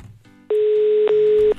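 A loud, steady telephone dial tone hums on an outgoing call being placed to a listener, lasting about a second with one tiny break partway through, after a quiet moment at the start. No one speaks.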